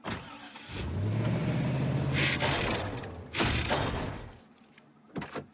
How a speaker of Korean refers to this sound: 하, 트럭이 고장난 것 같네.